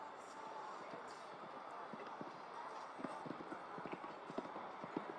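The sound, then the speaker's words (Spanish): Horse hooves clip-clop in a quick, steady rhythm as a powerful show jumping horse approaches obstacles in a competition arena, the thuds growing a little sharper toward the end, set against a constant wash of arena background noise. “Cinco al obstáculo de Volvo. Ven que es un caballo que no quiere tocar.”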